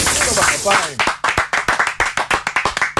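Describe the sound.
A brief exclamation of voices gives way to a burst of brisk, steady hand clapping, sharp crisp claps in a quick regular rhythm lasting about two seconds.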